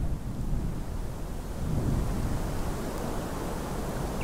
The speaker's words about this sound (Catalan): En els propers dies, la tempesta de neu deixarà gruixos acumulats de neu de 80 centímetres i deixarà este xicotet poble aïllat durant dues jornades més.